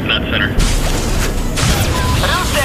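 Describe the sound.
A loud boom kicks off a sustained roaring rush of noise as a 'Viagra' missile is fired at the push of a button and streaks away toward a jet aircraft, with muffled voices faintly audible at the start and end.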